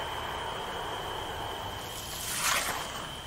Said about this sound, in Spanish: Se oye un coche o un avión, no sé lo que es.